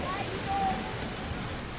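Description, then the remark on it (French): Small waves wash steadily onto the beach at Kini at night, a soft, continuous hiss of surf with no distinct individual breaks, fairly quiet and even throughout. “Il fait nuit et on entend beaucoup les petites vagues.”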